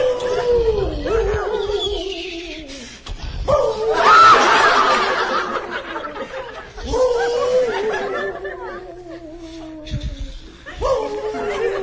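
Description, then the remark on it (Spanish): A person's voice imitates a wolf howl in several long, wavering, falling tones, fairly loud, with breathy snickering and laughter mixed between the howls. “Estoy haciendo mi lobito lo mejor ahí, te rompes, el viento silba.”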